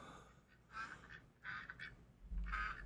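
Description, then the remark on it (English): A duck call blows a series of nasal, raspy quacks in three short bursts, each with a couple of quick honks. It's clear, with no talking, ending in a low thump. “That would be the duck call.”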